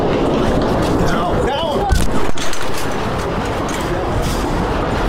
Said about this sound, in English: it had to dive for cover and stop her report as she heard the gunshots just yards away.